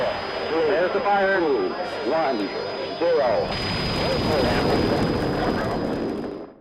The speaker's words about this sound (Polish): Słyszysz? Delikatnie musuje. Orzeźwia i gasi pragnienie. Ty już wiesz, to Litorsal.